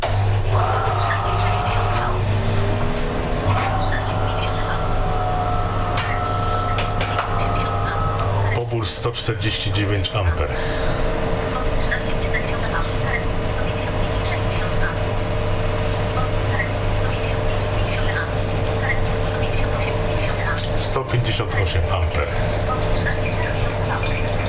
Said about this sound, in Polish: Podczas pracy ekspresu będzie się uruchamiał w zasilaczu wentylator, który chłodzi zasilacz przed przegrzaniem. Uruchamiam ekspres.